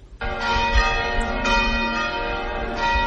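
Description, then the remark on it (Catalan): Church bells ring out loudly and continuously, their rich harmonic tones overlapping with fresh strikes every second or so, sustained and resonant with no voices present. “Sentim unes campanes, això vol dir que hem arribat al final”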